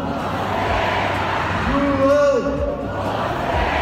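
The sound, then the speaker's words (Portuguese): A dense tennis crowd at the UTS event in Rio de Janeiro's Maracanãzinho roars and cheers steadily for João Fonseca, with a few voices rising into a sung, chant-like call midway through before the noise settles back into continuous cheering. “Primeiro com o barulho da torcida e a comemoração, muito voltada para João Fonseca, o grande nome da noite.”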